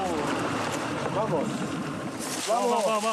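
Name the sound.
boat moving on water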